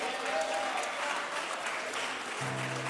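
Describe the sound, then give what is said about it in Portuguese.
A church audience applauds steadily, a strong round of applause for Jesus as they welcome a sister of the church, a dense, continuous wash of clapping at even loudness throughout, with a low sustained tone entering near the end. “E vamos recebê-la com um aplauso bem forte para Jesus.”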